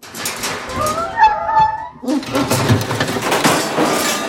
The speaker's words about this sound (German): Plötzlich winselte Murks und versuchte, sich mit seiner Hinterpfote am Ohr zu kratzen. Da der Raum aber sehr klein war, stieß er immer wieder gegen das Gitter, welches uns von ihm trennte.